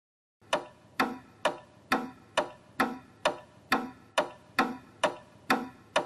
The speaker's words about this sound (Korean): 추를 움직이면서 시계가 가는 거야. 추시계 소리 어땠어? 좋았어?